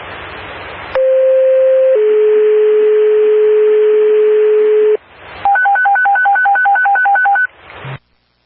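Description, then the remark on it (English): A radio dispatch alert: a hiss of static, then a steady mid-pitched tone that steps down to a lower tone held for three seconds, followed by rapid pulsing two-pitch beeps and a final static burst. “Do you want a tone or just a text?”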